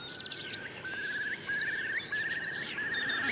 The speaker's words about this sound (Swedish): Och jag har hört tranor, vi har hört enkelbeckasiner. Ska lyssna lite. Där var enkelbeckasinen.